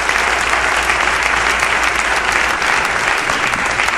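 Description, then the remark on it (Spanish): Loud, sustained applause from a large church audience clapping for the Lord, dense and steady clapping filling all four seconds with no voices rising above it. “Dele un aplauso fuerte al Señor entonces.”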